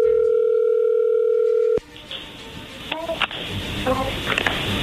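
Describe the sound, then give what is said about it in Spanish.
A steady outgoing phone ringing tone holds loud and even for nearly two seconds, then cuts off abruptly into hissy line noise with faint voices. “A ver, márcala. Ahí ya entró la llamada.”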